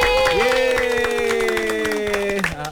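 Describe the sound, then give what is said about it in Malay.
An audience claps together in a dense, steady burst of applause lasting a few seconds, with a sustained tonal hum running beneath the claps, welcoming visiting pupils from the school SK Kompleks KLIA. “Tepuk tangan sikit.”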